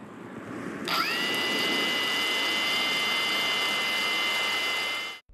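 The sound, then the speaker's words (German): A soldier switches on a work drone meant for use at the front; its high-pitched electric whine kicks in after a moment, rising briefly and then holding a steady, piercing buzz for several seconds, loud over a rushing background noise. “Es ist eine gute Arbeitsdrohne, genau das, was wir momentan an der Front brauchen, weil dies eine völlig neue Art von Krieg ist.”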